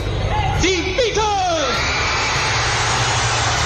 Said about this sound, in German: Das Gekreische, es war so stark, dass man nachher von der Musik nicht mehr viel hören konnte.